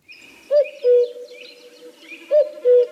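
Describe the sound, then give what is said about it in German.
A cuckoo's two-note call, a short note followed by a longer, lower one, rings out clearly twice against a soft background of faint chirping from other birds. “Den Vogel, der die warmen Tage ankündigt und den jedes Kind kennt.”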